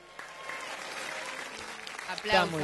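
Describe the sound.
An audience applauds in a steady, dense patter of many hands clapping, moderately loud throughout, with a voice briefly cutting in over the clapping near the end.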